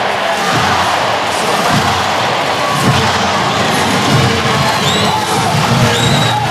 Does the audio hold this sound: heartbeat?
no